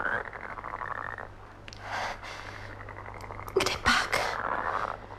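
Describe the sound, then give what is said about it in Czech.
Raspy frog croaks come in a loose series of bursts at a pond with water lilies in the evening, the loudest pair arriving near the end, with no talking over them and a low steady hum underneath. “Kdybys mi tak, žabko, mohla ty letniny přistrčit blíž. Jenže to bych ti to musela říct po žabím.”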